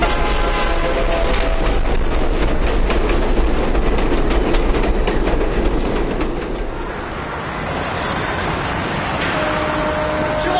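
A train rumbles steadily along the rails, with rhythmic clickety-clack of wheels over track joints and a brief horn note; the noise is loud, shifting in tone midway through.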